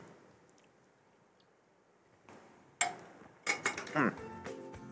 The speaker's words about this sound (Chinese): 喝开水了哈，来早上喝个开水。